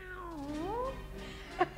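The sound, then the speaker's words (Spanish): A long, drawn-out cat meow, from Puss in Boots (el gato con botas) in a Spanish-language telling of the tale, whose pitch dips and then rises again, followed by two short, sharp bursts right at the end, with no one talking. “¿Me desafías, gato con botas?”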